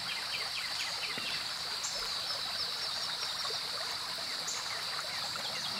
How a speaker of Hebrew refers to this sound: מים זורמים. אתם הולכים עם הנחל, ממשיכים.